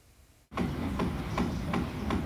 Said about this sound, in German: Ständiger Baulärm zumindest kann die Nerven mürbe machen.